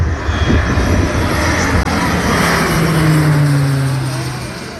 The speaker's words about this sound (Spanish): Los medios aéreos han aprovechado hasta los últimos rayos de sol para realizar descargas. Este es el sonido que dejaba un avión de carga en tierra hace unos minutos.